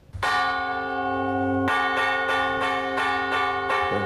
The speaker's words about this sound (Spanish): ¿Qué otro tipo de uso se le daban más que a las campanas religiosas o de la iglesia a las campanas civiles? Pues bueno, para juntas, para incendios. Para incendio.